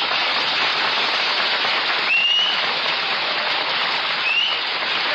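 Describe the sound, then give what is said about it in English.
Dense, steady applause roars from a large crowd greeting Milton Berle as he is introduced on a 1948 show, while two short, high, rising whistles cut through the clapping about two seconds apart. “Oh, that whistling.”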